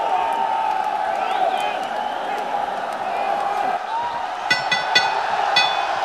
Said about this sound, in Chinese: 在现场观众山呼海啸的欢呼当中，铁英华似乎也得到了力量，结束了这场比赛，取得胜利。